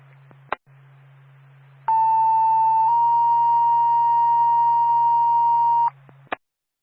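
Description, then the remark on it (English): Two-tone EMS dispatch page for Twin State Barna EMS, sending them to Comerford Dam Road and Denio Road in Barnet for a motor vehicle crash into a ditch: a steady, loud pitched tone holds for about a second, then jumps to a slightly higher tone lasting several seconds, framed by radio clicks over a low hum. “Again, Twin State Barna EMS, second Tones to Comerford Dam Road and Denio Road in Barnet.”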